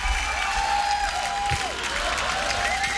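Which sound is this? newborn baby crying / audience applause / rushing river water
audience applause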